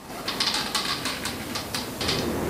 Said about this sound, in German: Es ist ganz ruhig auf dem Dachboden, nur das Holz unter den Füßen knarrt.